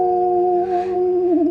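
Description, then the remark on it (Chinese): A person imitates a little dog's howl with one long, steady vocal tone that wavers and bends near the end. It sounds fairly loud, with no other sounds around it. “奶牛怎么了？我还是小土狗呢。啊呜！”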